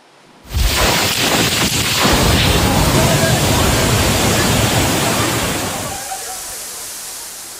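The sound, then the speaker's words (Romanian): A violent storm in Zürich, Switzerland roars in suddenly, with strong wind gusts that broke trees and a dense wash of rushing noise holding loud for several seconds before easing off slightly toward the end. “Rafale puternice de vânt au rupt copaci, iar apa a pătruns sub soluri.”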